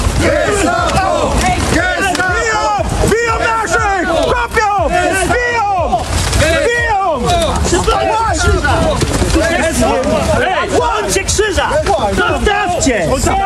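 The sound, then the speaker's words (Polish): A dense crowd shouts and chants "Gestapo!" loudly over a continuous roar of many voices, with overlapping yells and cries creating a chaotic, agitated atmosphere throughout, during a scuffle with police at a temporary memorial to Polish victims of World War II in central Berlin. “Interweniowała policja, doszło do starcia.”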